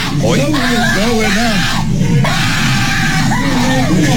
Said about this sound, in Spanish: Y aquí el papá, qué bueno que obviamente yo creo que escuchar a tu hijo gritar y llorar y todo, te debe de doler, no, pero qué gritos.